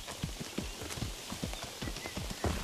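Horse hooves clop along in a steady, unhurried rhythm, several evenly spaced hoofbeats, with a faint outdoor hiss behind them, as a rider passes by leading a second horse that carries a human figure wrapped tightly in brown cloth.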